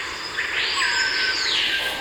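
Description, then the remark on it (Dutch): A loud, piercing siren-like whistle of a screaming piha, a bird from Suriname, swells and holds, then breaks off, set against a steady background hum of forest insects. No one speaks. “Die ken ik. De bospolitie. De bospolitie. De sirene.”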